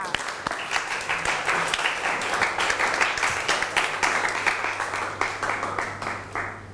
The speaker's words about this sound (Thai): ขอเสียงปรบมือให้ตัวเองดังๆอีกสักหนึ่งครั้งค่ะ